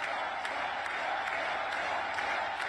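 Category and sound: crowd, hands clapping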